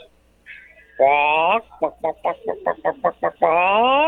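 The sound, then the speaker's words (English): A human voice imitates a chicken in a low register, a lower-pitched chicken sound effect: a drawn-out squawk, then a quick run of about eight short, rhythmic clucks, ending in another long squawk, loud. “Wow, it's beautiful work, but can I get the same chicken sound effect, but with a lower pitch?”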